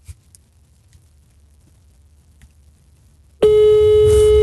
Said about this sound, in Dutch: Want ik bel hem dan nu met mijn telefoon.